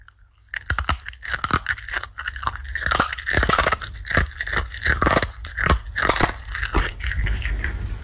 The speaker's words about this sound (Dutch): Onze hond Scotty, die een lekkere crunchy zit te eten. Oh, ik dacht dat hij een bakje Japanse nootjes aan het eten was.